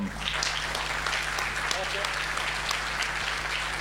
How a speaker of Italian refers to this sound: Eccoci qua, eccoci, un bel applauso.